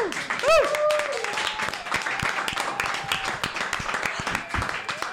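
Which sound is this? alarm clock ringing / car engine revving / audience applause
audience applause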